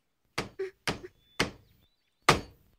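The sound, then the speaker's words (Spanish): Four sharp hammer blows at an uneven pace, the first two each followed by a lighter rebound tap, the last coming after a longer pause. Each strike is a solid, fairly loud knock with no talking. “Ten el martillo.”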